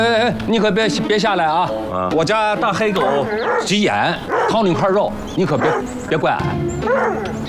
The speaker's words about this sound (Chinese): 你可别下来啊！我家大黑狗急眼，掏你一块肉，你可别怪俺。